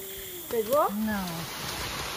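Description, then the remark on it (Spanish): Heavy rain pours down in a dense, steady hiss that fills the whole moment, with a brief warbling tonal sound rising and falling over it near the start. “De pronto llueve a cántaros, pero el trabajo continúa y siempre se descubren cosas nuevas.”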